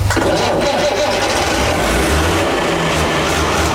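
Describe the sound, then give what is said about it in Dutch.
A loud, steady six-cylinder Fiat tractor engine of 100 hp rumbles, its deep low-frequency drone running continuously with a rough, throbbing texture, idling and revving. “Oh, die zescilinder, daar ben ik echt wel blij mee. Ja, dus gewoon een tractor van 100 pk en er zit een machtig mooi geluid in.”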